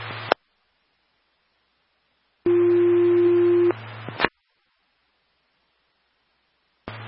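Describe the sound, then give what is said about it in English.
A steady, loud electronic dispatch alert tone sounds for just over a second over a hissing radio channel, bracketed by short bursts of static as the transmission keys on and off; the second tones page Mansfield Ambulance to a breathing problem call. “Mansfield Ambulance, second tones for a breathing problem, 290 Road 21 Northeast.”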